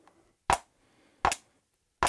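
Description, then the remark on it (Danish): Two ballpoint pens tap out a steady beat, the fixed pulse that runs through music: three crisp, sharp clicks evenly spaced about three-quarters of a second apart, each bright and loud against near silence, with no voices. “Så tager jeg lige to kuglepinde, og nu slår jeg... De faste taktslag, det er det, der går igennem hele musikken.”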